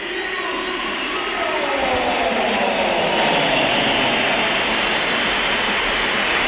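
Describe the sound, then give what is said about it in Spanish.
A large crowd at the Bernabéu stadium roars steadily and loudly as Vinicius Junior is substituted off, with shrill whistles sliding in pitch mixed in among the cheers, a divided reaction of jeers and applause that never lets up. “Y hay división ver, de opiniones. Vamos a escuchar, escuchamos. Mucha gente.”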